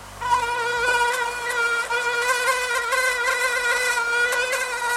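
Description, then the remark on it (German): A mosquito whines steadily, a thin high-pitched buzz with faint wavering, continuing without a break for several seconds and no voices. “Oh, ich suche ganz schnell irgendwelches Mückenzeug, was ich dann eventuell wieder drauf machen könnte.”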